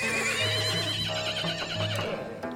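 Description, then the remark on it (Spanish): A horse being shod, held by the bridle with a hoof lifted for examination on a gravel terrace in front of a pavilion, whinnies loudly, a long wavering neigh with shifting pitch that fills about two and a half seconds, with no one talking. “Ahora, por ejemplo, estamos herrando un caballo.”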